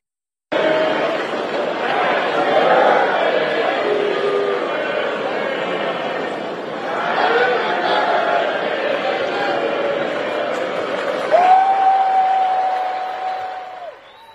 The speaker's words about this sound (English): At one point, the crowd started to sing Happy Birthday.